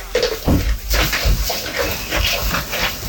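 Goats chewing their cud: a steady run of wet, grinding munches and crunchy chews repeating every half second or so, fairly loud, with no one talking.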